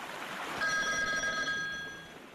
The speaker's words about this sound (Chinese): 就在这时，电话铃响了。电话是刘汝明从蚌埠市内打来的。